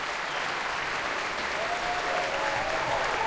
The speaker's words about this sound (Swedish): och solister resa sig och ta emot applåder. Än en gång konsertmästare Anders K. Nilsson får ta emot applåder.